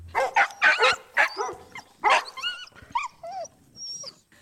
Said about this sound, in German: Stimmt, das sind winselnde, bellende Hunde.